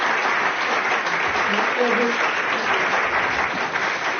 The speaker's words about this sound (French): je pense qu'on peut vous applaudir puisque nous sommes à Blois en direct et en public.